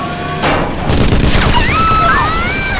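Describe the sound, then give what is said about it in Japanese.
Loud gunfire from pirates in an ambush erupts in rapid, overlapping bursts, a continuous volley of sharp shots with rising and falling whistling tones streaking over the barrage. “発砲、海賊、白王の差し金。”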